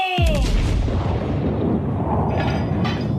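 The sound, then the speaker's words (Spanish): A single loud cannon blast from a pirate ship booms out, the shot missing Barnett's ship and sinking into the sea, followed by a long rumbling, crackling decay of debris and echo that fills the rest of the moment. “El cañonazo falló. No me sale nada bien últimamente.”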